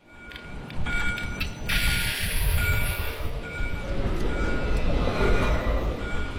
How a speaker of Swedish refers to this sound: Att fånga Göteborg i ljud är inte särskilt svårt. De blåvita spårvagnarna som skramlar och kränger i spåren